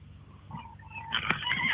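A horse neighs in a single drawn-out, wavering whinny that grows louder and rougher toward the end, heard alone at moderate volume with no one talking.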